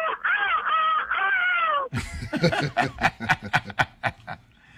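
A loud rooster crow rings out for about two seconds, then gives way to a rapid string of sharp, cackling bursts that fade toward the end.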